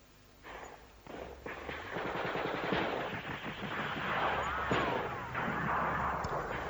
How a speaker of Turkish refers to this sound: Bak, hala İzmir'den patlama sesleri geliyor.